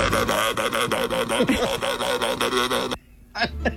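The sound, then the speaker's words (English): A sea lion imitating a goat lets out a wavering, goat-like bleat, a loud nasal call pulsing for about three seconds before a brief pause and one short final bleat. “It's a sea lion imitating a goat.”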